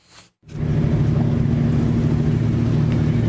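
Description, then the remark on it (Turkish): A boat engine drones loudly and steadily, a low rumbling hum with a throbbing tone that starts after a brief burst of sound and a short pause, from coastal safety boats escorting a 215-metre Bahamas-flagged pipe-laying ship through the Istanbul Bosphorus in the morning. “Dev platforma kıyı emniyeti ekipleri eşlik etti.”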